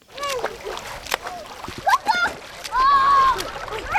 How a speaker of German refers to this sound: Auch wenn das nach Schwimmbad klingt, die Kinder spielen hier im kleinen Fluss Jagst. Die ist an dieser Stelle knapp 40 cm tief und etwa 2 Meter breit.